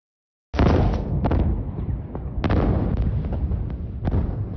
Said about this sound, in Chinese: 在台湾台南市安南区的一处停车场空地今天发生大火，消防人员到场时再发生连环爆炸，造成至少14人受伤。经调查发现，空地埋有铝合镁，遇水之后引发一连串大爆炸。